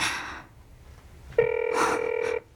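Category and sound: signal or alarm, phone ringback tone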